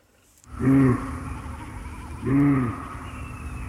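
Two deep, drawn-out moaning calls of an eight-point bull moose, each about half a second long with a rising-then-falling tone, separated by a pause over a steady low background rumble.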